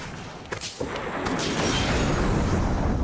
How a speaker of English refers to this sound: The ship exploded right on top of Whitney and members of the crew. I alone was standing safe out on the prow, but the force of the explosion hurled me into the blood-warm waters.